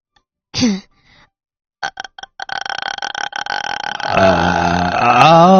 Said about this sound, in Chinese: 哦，哎，气泡音能不能现场给我们发一个，我看看是什么样的声音。来，开始。